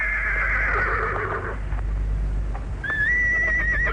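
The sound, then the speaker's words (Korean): A horse with a rider on its back gallops madly, raising dust, and neighs loudly in a long, wavering whinny, then goes quiet before letting out a second high, shrill call, with faint thudding hoofbeats and a low rumble running underneath. “말은 워낙 달갑지 않던 차에 등이 얼은 사람이 너무 가벼운 것을 느끼자 미친 듯이 내굽을 안고 달려가며 뒤에 먼지를 뽀얗게 일으켰다.”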